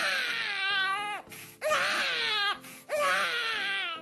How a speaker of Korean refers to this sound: 다음은 아기 울음소리 나는 유모차 지나가기.